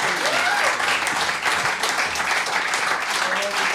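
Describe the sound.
A crowd applauds a live band in a steady, dense wash of clapping that holds loud and even throughout, with scattered cheers and voices mixed into the noise.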